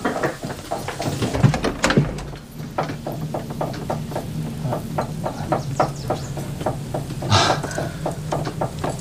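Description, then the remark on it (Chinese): A door is opened to let an arriving person into a home, amid a run of sharp clunks and evenly spaced taps, like latch handling and footsteps, over a low steady hum indoors. No one speaks. “我来开门。”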